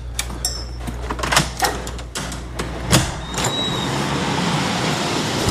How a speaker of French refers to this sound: La voiture arrive.